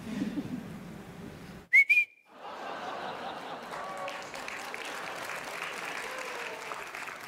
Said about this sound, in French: Vous pouvez l'applaudir, hein ?